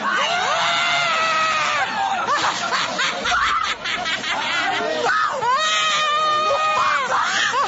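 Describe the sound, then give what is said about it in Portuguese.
A person screams in long, loud, high-pitched wails, broken by ragged, breathy bursts between cries, with other voices murmuring faintly underneath, during a deliverance prayer in which people lay hands on heads to cast out spirits. “Olha aí, já gritou lá, grita para Jesus queimar ele.”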